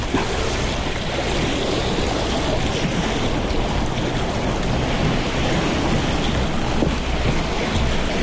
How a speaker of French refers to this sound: Un peu des vagues et remonte cette falaise grisâtre dont l'érosion ressemble à des mosaïques, des formes géométriques